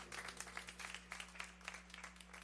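A crowd applauds in dense, steady clapping that never lets up, with rapid overlapping claps and no voices. A low electrical hum runs underneath.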